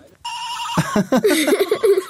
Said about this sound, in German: ein wirklich sehr kleines Kuscheltierschaf in der Hand, das wahrscheinlich mal klang wie ein echtes kleines liebes Schaf, aber mittlerweile, finde ich, klingt es wie ein erkältetes Raumschiff.